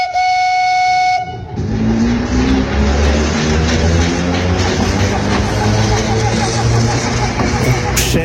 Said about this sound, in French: Un symbole du pays catalan, le canari de nos montagnes, le métro du Conflent et de Cerdagne